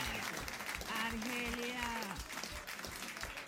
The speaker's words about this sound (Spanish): Un aplauso para Araceli, un aplauso. Un aplauso, pues ahí dura desde la calle.